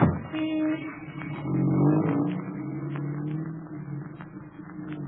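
A car engine turns over and catches, then revs and pulls away as a chauffeur drives to the Colossus Club. Its low rumble rises and holds steady, with no voices present.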